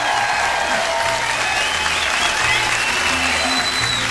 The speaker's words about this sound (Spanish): ¡Aplauso para Claudia Rosendo, que está escuchando este programa!